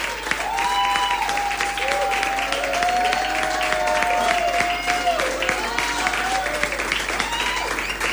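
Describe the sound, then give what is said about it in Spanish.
Steady, dense applause from a large crowd fills the whole stretch, loud, with a few voices cheering and calling out over the clapping. “¡Aplauso! ¡Tremendo!”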